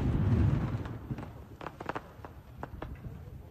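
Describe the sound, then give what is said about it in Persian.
A handful of sharp gunshot cracks ring out irregularly over a low outdoor rumble, fairly faint and with no voices. It is a symbolic shot by Basij chief Hossein Taeb opening the military training of battalion members at Imam Hossein Square in Tehran, Iran. “در واکنش به کمپین اسرائیل برای تغییر رژیم در ایران و یک هفته بعد از رزمایش هواداران حکومت موسوم به جانفدایان، آموزش نظامی اعضای این گردان‌ها در میدان امام حسین تهران با شلیک نمادین حسین طائب رئیس سازمان بسیج آغاز شد.”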